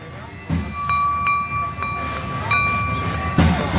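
Crockery struck like percussion, a handful of irregular clinks that ring out with a steady, bell-like tone over a constant background rumble.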